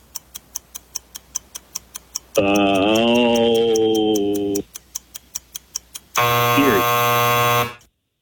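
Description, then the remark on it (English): A loud, harsh game show buzzer blares twice, each blast lasting a couple of seconds, between steady clock-like ticks that keep a fast, even countdown rhythm. “Sounded like you said Erie right before the buzzer went off.”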